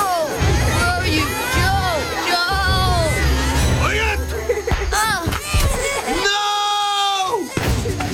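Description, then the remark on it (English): Many high-pitched children's voices scream and shriek over one another in a loud, chaotic din during a fight in a hut in New Guinea, ending with one long, sustained piercing scream. “The kids were screaming.”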